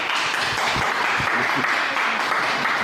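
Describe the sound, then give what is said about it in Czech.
A crowd applauds steadily, welcoming Olympic medal-winning ski jumper Pavel Ploc at a centre: a dense wash of many hands clapping at once that holds at an even, fairly loud level throughout, with no pauses or voices standing out. “Pavel Ploc se tak hned v úvodu mohl rozpovídat právě o potlesku, který ho v centru přivítal.”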